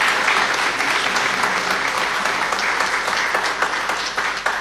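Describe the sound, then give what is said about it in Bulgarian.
A crowd applauds steadily, many hands clapping in a dense, continuous wash that stays loud for the whole stretch, with no voices standing out; applause for a performer just introduced at a folk song event. “Аплодисменти за Симона.”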